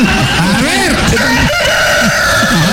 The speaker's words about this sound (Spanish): Ranchero chido. Como un gallo, ¿ves? Ahí estamos, un gallo.